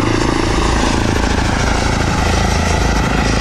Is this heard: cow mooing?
no